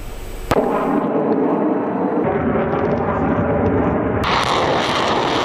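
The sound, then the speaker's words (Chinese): A sharp, loud blast of gunfire or a launch, followed by a sustained heavy roar like jet engines or rocket fire, with another crack near the end, as air and ground fire makes long-range strikes in the Center-2026 multinational joint strategic exercise in Chelyabinsk, Russia. No one speaks. “随着演习正式展开，先期空地火力对敌实施远程打击，无人机蜂群也迅速升空，对敌前沿目标展开多批次空中抵近侦察，为地面战斗群精准提供目标信息。”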